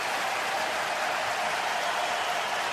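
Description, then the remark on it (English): A dense, steady roar from a large arena crowd at SAP Center, cheering and applauding during a Sharks ice hockey game against Nashville, in one continuous wash of noise that stays loud and even throughout, with no single voice standing out. “Now you can hear the response from the crowd here at SAP Center.”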